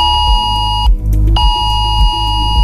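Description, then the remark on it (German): A loud, harsh emergency alert tone blares from a mobile phone during Germany's nationwide warning day, a trial warning issued at 11 o'clock by the Federal Office for Civil Protection, heard in Bavaria's Chiemgau region; a buzzy stacked pulsing signal that cuts off briefly near one second and then resumes, with no one speaking. “Auch zwischen Chiemsee und Königssee haben vor etwa einer halben Stunde plötzlich viele Handys Alarm geschlagen.”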